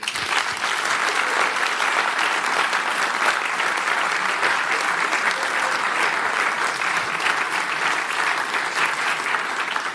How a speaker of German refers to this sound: Bitte Applaus.